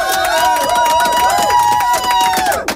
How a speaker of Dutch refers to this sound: Nogmaals applaus.